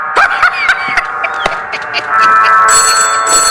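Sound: telephone ringing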